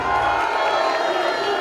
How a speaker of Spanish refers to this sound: Más fuerte el aplauso